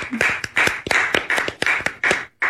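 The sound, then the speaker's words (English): A short burst of applause: a steady run of sharp, bright hand claps repeating about three times a second, fairly loud, with no voices, ending abruptly after a couple of seconds; a round of applause for Todd. “How about a round of applause for Todd?”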